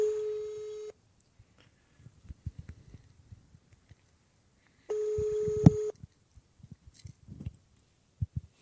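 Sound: telephone being dialed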